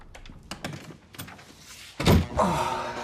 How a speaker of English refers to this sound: He shuts the door and cringes in the darkness.